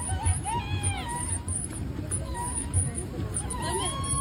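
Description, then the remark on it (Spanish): A person screams in distress because a cellphone fell into the water, with high wavering cries rising and falling in bursts over a busy hubbub of voices and background chatter. “¿Estás gritando así porque se cayó su celular al agua?”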